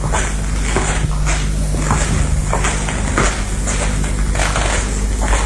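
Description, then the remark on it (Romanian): Quick, uneven, agitated footsteps of an inspector pacing back and forth across a room, steady in pace, over a low constant hum with no one speaking. “inspectorul Javert se plimbă agitat prin cameră.”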